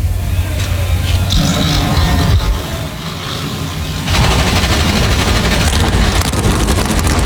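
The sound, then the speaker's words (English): A loud, dense roar of 38 NASCAR Cup Series stock car engines firing up together at Watkins Glen before a race, a low rumbling chorus that dips briefly and then surges even louder and harsher, with no talking. “NASCAR Cup Series cars come to life 38 strong as we get set to race the Go Bowling at the Glen”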